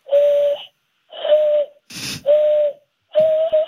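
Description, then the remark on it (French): Four breathy, hollow whistles blown through cupped hands, imitating the way American Indians whistled to communicate. Each is a steady low hoot about half a second long and fairly loud, with a quick sharp breath between the second and third. “Oui, alors, la chose inutile dont je suis fier, c'est que je sais siffler comme les Indiens.”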